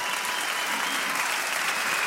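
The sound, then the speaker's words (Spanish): Loud, sustained applause for a band, a dense continuous wash of many hands clapping at a steady level with no voices standing out. “Fuerte aplauso a la banda acá, muy bien.”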